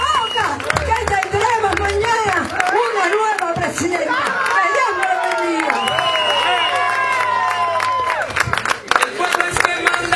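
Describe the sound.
A large crowd at a political party event in Moca, Puerto Rico applauds and cheers steadily for about ten seconds, dense clapping mixed with loud whoops and shouting voices that stay strong throughout.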